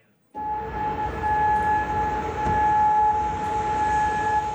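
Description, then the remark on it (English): An air raid siren sounds loudly and steadily in Kuwait or Bahrain during Iranian missile attacks, holding one sustained tone from just after the start to the end, over a rough background of outdoor rumble. “Air raid sirens could be heard in both nations, with residents urged to shelter in a safe place.”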